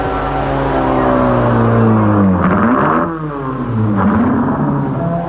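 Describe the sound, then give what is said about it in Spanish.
A car engine revs loudly and steadily, its pitch climbing and dropping twice as it accelerates and shifts, continuous for several seconds with no voices, as the car is driven to a parking lot after a race. “llevamos el auto al estacionamiento.”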